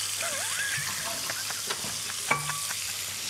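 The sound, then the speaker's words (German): Steaks sear in a hot, preheated pan, about two minutes per side, with a steady, continuous sizzle, broken by a few brief utensil scrapes and a short squeaky tone near the end. “Steaks scharf anbraten, circa 2 Minuten pro Seite.”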